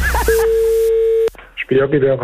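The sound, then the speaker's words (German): A steady, unbroken telephone tone hums for about a second, cuts off with a sharp click, and after a brief pause a person starts talking. “Telefon.”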